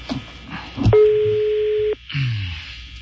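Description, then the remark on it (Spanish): A phone call being placed to a so-called tazo dorado rings out with a single steady, mid-pitched ringback tone lasting about a second, preceded by low muffled noise and followed by a brief falling tone. “Está sonando el teléfono de este tazo dorado.”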